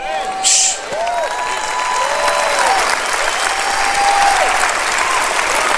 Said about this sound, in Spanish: Oh, vamos a aplaudir su grandeza. Vamos a aplaudir su grandeza. Aplauda su grandeza, aplauda su eternidad.